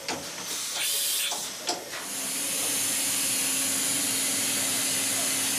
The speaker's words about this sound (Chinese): 我们看见的是一个5轴数控机床的雕刻工艺展示，在厚度约0.2毫米的鸡蛋表面，雕刻机床正在进行1微米工艺的雕刻。这是精密加工工业机床研发阶段软件与硬件检测的一种方式。